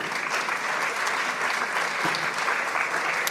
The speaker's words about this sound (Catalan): Un fort aplaudiment per ella, si us plau.